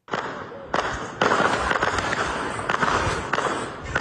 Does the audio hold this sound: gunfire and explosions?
yes